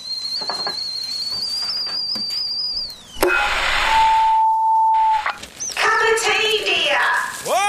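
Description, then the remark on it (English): A kettle put on for a cup of tea gives a high, steady whistle for about three seconds, then cuts off abruptly. A hissing burst, a plain electronic beep and quick chirping tones follow. “The kettle's on.”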